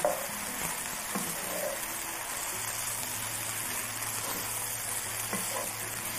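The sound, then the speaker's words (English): Steady, dense sizzling of mushrooms and onion frying in a pan as they cook down, with occasional scraping and clinks as they are stirred. No talking. “Okay, let's give this some time to cook down.”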